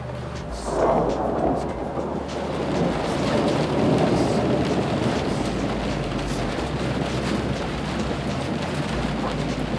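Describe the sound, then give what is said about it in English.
A long, heavy rumble of thunder from a lightning storm rolls on for several seconds, loud and sustained, with a steady wash of rain-like noise underneath and no voices. “I think when we stop seeing the lightning and the thunder, then we'll get waves.”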